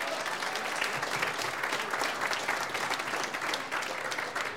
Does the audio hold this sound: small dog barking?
no